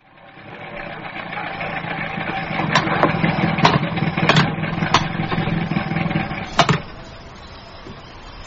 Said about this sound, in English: listen to that engine. Just listen to it. Engines always make a noise